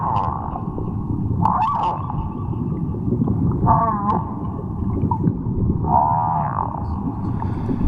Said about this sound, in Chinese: 西半球的座头鲸给了一份近乎满分的答卷，声音是他们引以为傲的天赋。作为鲸豚类动物里的艺术家，他们每年约有6个月的时间在唱歌，这种庞然大物至少能发出7个8度音阶的音，按照一定的节拍、音节长度来演唱。